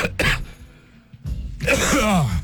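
A person coughs and clears their throat: a short harsh hack, a pause, then a longer, raspy throat-clearing fit with strained, voiced rasps, fairly loud.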